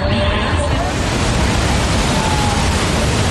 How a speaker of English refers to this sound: Majestic fall straddles the two countries.